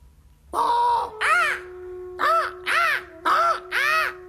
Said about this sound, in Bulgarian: Птица! Някаква. И тя отлетя.